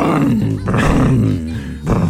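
A motorcycle engine low on oil runs rough with a loud, growling drone that wavers in pitch, dipping and surging twice as it sputters unevenly.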